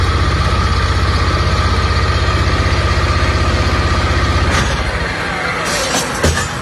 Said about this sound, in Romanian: Ajutorul excavatoarelor și utilajelor care au fost aduse aici pe malul Dunării special pentru această operațiune, vedem cum este încărcată și cea de-a patra barjă.